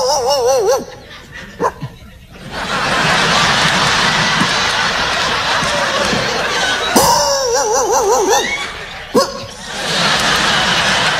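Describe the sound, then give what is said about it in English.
A man imitates dogs barking at night, mixing short yips with wavering, whiny barks, broken up by long stretches of loud crowd laughter. “Y'all keep laughing, I'll keep barking.”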